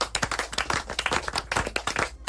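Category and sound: human body sound, group clapping hands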